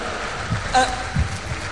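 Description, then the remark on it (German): An audience applauds a performance with dense, steady clapping that fills the short stretch at moderate volume, and a brief voice-like sound rises over it partway through. “Der Applaus ist gerechtfertigt.”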